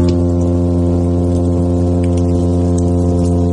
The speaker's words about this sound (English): And so a midshipman fish, when a male wants to attract a female, it tends to make a humming sound, which sounds like...